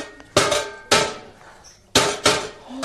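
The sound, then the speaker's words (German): Four loud hammer blows land in two pairs separated by a short pause, each a sharp metallic strike that rings briefly before fading. No one speaks. “Geben Sie mir mal schnell einen Hammer, ja?”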